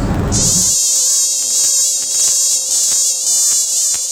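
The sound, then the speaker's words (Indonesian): Many mosquitoes in a bedroom: a loud, high-pitched whine buzzing continuously for several seconds, steady and shrill with faint ticking underneath, and no voices. “Aduh, nyamuk ini banyak apa dalam kamar ini?”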